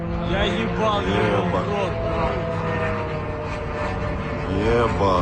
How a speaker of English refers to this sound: Footage posted on social media shows a drone flying over Khimki, a suburb northwest of Moscow. Last night, Ukraine carried out its biggest overnight drone attack on the Russian capital in more than a year.